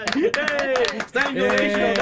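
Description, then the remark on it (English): A brisk, steady run of hand claps, a dozen or so sharp slaps in quick succession, mixed with voices talking and laughing over them throughout, during the Latin Soul Party radio show in Denver on a Friday night of Mother's Day weekend. “Yes, I'll clap for that.”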